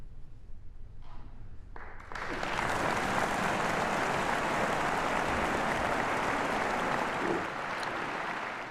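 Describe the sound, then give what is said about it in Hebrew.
After a quiet couple of seconds, an audience bursts into loud, dense applause for the Casals Quartet and pianist Alexander Melnikov after their performance of the Song of the Birds, holding steady as a continuous wash of clapping, thinning slightly toward the end. “לא לפני מחיאות כפיים.”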